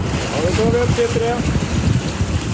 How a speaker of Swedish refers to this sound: Forskningsfartyget Svea vinschar en blåsig tisdag morgon upp en ställning med tuber ur havet efter att ha hämtat vattenprover från olika djup. Det här görs varje månad på en rad platser i haven runt södra Sverige.